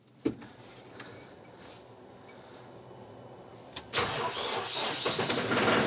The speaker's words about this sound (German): Jetzt muss aber auch der Trecker mitspielen. Sagen wir mal gucken, ob der anspringt jetzt hier bei den Temperaturen.